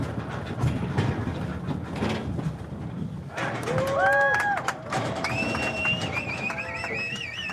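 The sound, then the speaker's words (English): Cowboys herding the first group of cattle from Mexico across the border into corrals on the U.S. side: a steady rumble of shuffling hooves and movement, then halfway through, sharp bending whistles and yelled calls from the herders ring out over the constant commotion. “A small crowd gathered to watch the moment yesterday when cowboys herded the first group of cattle from Mexico across the border and into corrals on the U.S. side.”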